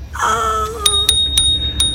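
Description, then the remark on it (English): A bicycle bell on a small bike rings out clearly while the rider freewheels down a slope in a park, one full bright ring followed by four quicker dings, its metallic tone lingering over a low steady rumble in the background. “I gave him a bit of this. It's my little bell.”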